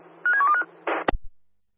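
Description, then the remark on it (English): A quick run of electronic telephone keypad tones as an office phone is dialed, several short beeps blending together, followed by a brief burst of noise and a couple of sharp clicks, clear. “Roger, we'll dial now. Dial now.”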